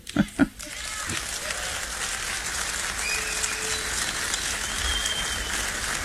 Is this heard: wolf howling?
no